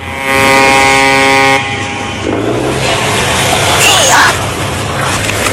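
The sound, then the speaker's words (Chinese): A fishing boat's motor drones loudly with a steady tonal hum, louder than the sea waves, as the boat comes in to the dock at Shazikou fishing port in Qingdao, China, around 4 a.m.; then it gives way to a broad wash of sea waves and harbor noise. “船灯越来越亮，马达声大过了海浪声”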